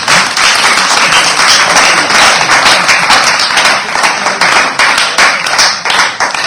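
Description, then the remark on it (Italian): A crowd applauds steadily for several seconds, a dense, loud wash of many hands clapping at once, with individual claps faintly flickering through the continuous roar and no voices. “Quindi un bel applauso e viva per te.”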